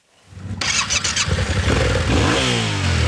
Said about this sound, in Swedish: Här har vi en motorcykel. Den är 700 kubik. Den har packboxar för att vi ska få med oss grejer.